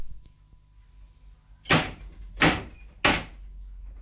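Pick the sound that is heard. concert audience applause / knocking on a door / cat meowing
knocking on a door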